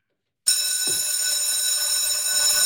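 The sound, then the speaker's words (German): A school bell rings loudly and continuously, a sustained metallic clanging that starts abruptly after a brief silence and holds steady without pause. “Ab der Glocke kein Handy mehr, auch in der Pause nicht.”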